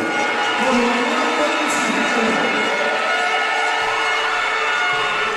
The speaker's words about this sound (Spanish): Así vibró el Naranja Arena en la entrega del trofeo. En primer lugar, primero un fuerte aplauso para el Club de Balonmano hasta Palma del Río.